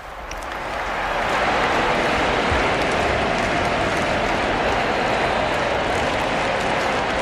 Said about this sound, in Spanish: La gente está aplaudiendo a su santidad